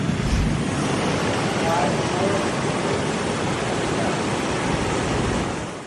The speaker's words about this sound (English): Water flowing over a retaining wall along Interstate 35. Several people were trapped in their vehicles.